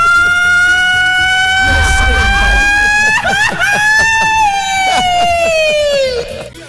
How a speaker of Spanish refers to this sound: Oye, ¿por qué no te pegáis un buen gritito ranchero del pistolón chiquitito? Porque hace falta a esta hora de la tarde. ¡Dele, viejo! ¡Pónele, pónele, grita!